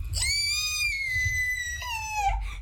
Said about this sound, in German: Was für ein Geschrei! Was ist los?